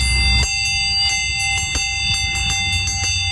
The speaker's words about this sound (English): So here's the dinner bell.